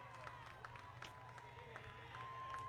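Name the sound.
home crowd cheering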